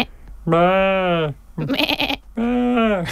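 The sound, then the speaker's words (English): A person imitates a sheep with two long, wavering bleats, loud, separated by a short burst of breathy vocal sound. “Do you want to hear my sheep? That's my best one.”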